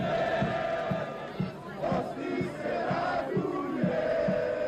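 A large crowd of football fans chants together outdoors in the streets of Sarajevo ahead of the evening's match, voices rising and falling in a steady rhythmic pattern with occasional beats, loud and sustained throughout.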